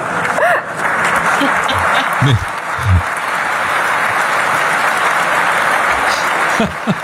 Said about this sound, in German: Aber es gab ja viel, es gab viel Applaus. Ich meine, so viel Applaus ist Merz ja gar nicht mehr gewohnt.